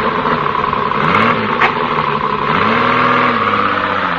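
A car engine runs steadily and revs up twice, its pitch climbing as it pulls away. No one speaks, and the motor stays loud throughout.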